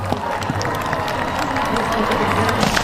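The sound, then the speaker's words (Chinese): A crowd of spectators at an equestrian competition claps steadily throughout, applauding the riders and their competing horses, the dense patter of applause blending with a continuous roar of crowd noise and indistinct voices. “现场观众啊非常热情，也非常喜欢马术运动，时不时的在给选手和参赛马掌声鼓励，但是这种掌声鼓励呢对选手是鼓舞，有的时候也会吓到马”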